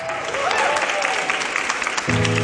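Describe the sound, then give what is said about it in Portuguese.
A live audience at a stage in Cais do Sodré train station claps and cheers in a broad, steady wash of applause, with a few voices rising through it, before a low tonal sound enters near the end. “E connosco no palco da estação de comboios do Cais do Sodré, um aplauso”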